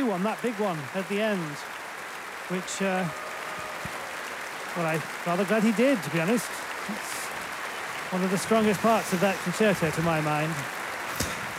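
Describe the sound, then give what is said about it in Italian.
Steady, dense applause from a large London concert audience, lasting many minutes and clapping in rhythm as it calls for pianist Martha Argerich to return, fills the whole clip, a continuous wash of clapping, while a voice speaks over it in several bursts. “Martha Argerich si fa pregare, ormai sono molti minuti di applausi, chissà se arriverà, se avrà voglia di concedere qualcosa al pubblico londinese, che con tanto entusiasmo sta anche ritmando con gli applausi”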